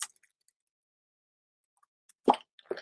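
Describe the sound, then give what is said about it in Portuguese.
Someone takes a sip of water: mostly silence, then a short wet gulping plop followed by a second, softer swallow sound near the end. “Vou tomar um golinho de água, viu?”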